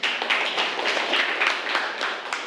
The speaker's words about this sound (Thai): โอเคนะครับปรบมือให้เพื่อนเลยนะครับ